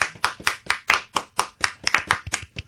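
Three people clap together for a couple of seconds, a sparse, slightly uneven patter of sharp hand claps with no voices.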